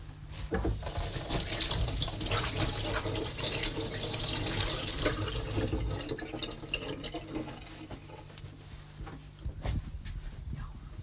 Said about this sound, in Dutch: Ik ga eerst mijn handen wassen, ik zal dat in de oven steken.